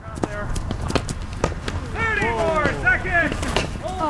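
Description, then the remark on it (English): Hurling players running a practice drill in the traditional Irish sport, armed with helmets and wooden sticks called hurleys: sharp, irregular knocks and clacks over quick running footsteps, with loud shouted voices calling out during the second half. “That's the sound of players running a drill, practicing the traditional Irish sport of hurling.”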